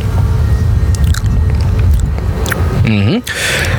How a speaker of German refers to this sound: Und daher haben wir heute bei unserem Ausflug hier, stehen wir ja gerade direkt im Käsemuseum. Und probieren wir einfach mal den leckeren Ziegenkäse. Ja, haben wir zwei Stücke auf dem Teller liegen. Ich probiere mal.